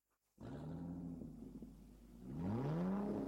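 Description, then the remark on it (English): A car engine kicks in abruptly and revs loudly up close, its pitch climbing in a sweep, then surging higher again in a second, stronger rev. No voices are heard. “You like the sound of that, don't you? Well, that's what you get at Eden's Travels Car Rentals and Travel Services.”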